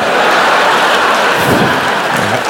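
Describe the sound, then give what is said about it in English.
A dense, loud hail sound effect standing for coins being thrown, clattering without pause, a steady wash of countless small impacts pelting down for the whole stretch, with no voices. “I like to make it hail. Yeah, that's when you throw change on sluts.”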